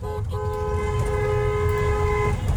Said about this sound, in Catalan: Avui molts conductors feien sonar el clàxon en passar pels peatges per celebrar que ja no cal pagar les barreres de l'APC.